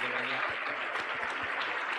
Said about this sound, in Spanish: La iglesia le recibe con fuerte aplauso para Cristo Jesús.